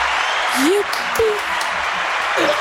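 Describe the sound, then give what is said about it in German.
Steady applause from a group for the players who took part fills the whole stretch with a dense, even patter of clapping, while a few brief voices call out faintly underneath. “Vielen Dank, dass wir mitgespielt haben und jetzt erstmal ein Applaus für uns.”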